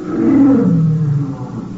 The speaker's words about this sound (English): You hear it? I heard something. Like a lion. You get lions on the brain. Yeah, it'd be crazy. It sounded like it was outside in the garden.